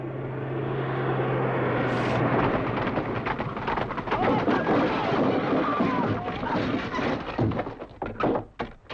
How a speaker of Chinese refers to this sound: 你们看，你们看， 他们要扫射了。 不会，这是侦察机。